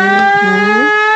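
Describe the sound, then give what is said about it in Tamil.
A loud conch-like siren blares on a single low, buzzy horn tone rich in overtones. Its pitch dips briefly and climbs back during the one-second blast, with no voices over it. “இந்தாயா சங்கு சவுண்ட் சப்ப கிளிக்குது, இத போய் விசிலுங்கிற.”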